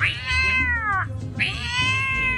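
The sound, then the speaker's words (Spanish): A man's voice imitates a cat fighting a dog, letting out two long, loud, drawn-out caterwauling yowls, with a brief pause between them and no talking. “La pelea de un perro con un gato cuando el gato se siente solo.”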